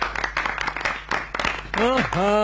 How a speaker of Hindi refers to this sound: साहेबान, नागराज का कहना है कि वो अभी मूड में नहीं है। बच्चा लोग जरा जोर से ताली बजाओ कि नागराज मस्त होकर मूड में आ जाए।